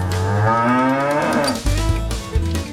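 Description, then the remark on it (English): A cow lets out a loud, drawn-out moo, its pitch sliding down before ending in low, rough grunting. No one speaks. “Yes, our holy cow.”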